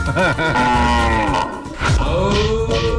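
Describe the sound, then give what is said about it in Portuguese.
A loud ox named Boi Potência moos, deep and drawn out, with a brief dip partway through before a second bellowing call carries on to the end. “Joga ele pro espaço, Boi Potência, aí, ó.”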